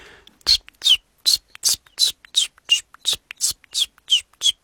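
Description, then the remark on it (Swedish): A person imitates a common chiffchaff's song with about eleven evenly spaced, breathy whistled notes, alternating slightly in pitch in a steady two-note 'chiff-chaff' rhythm, fairly loud and with no other talking. “Jag har varit i Göteborg nyligen och där sjöng bland annat gransångar som är ganska sentida invandrare i södra Sverige. Hur låter den? Ja, ungefär så här.”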